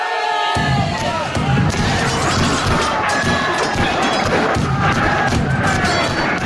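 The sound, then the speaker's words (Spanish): A loud, dense crowd roar of overlapping shouts and battle cries, with scattered sharp clangs and thuds cutting through the steady din of a staged pirate fight reenactment beside the pirate ship at the hideout, picked up by microphones and the PA system. “Pues esta es la guerrilla, en este caso es la pelea, que se produce en las inmediaciones del barco pirata, ubicado en la guarida, y así lo recogían también los micrófonos, la megafonía, en esta recreación que se realizó hace ya algunos años.”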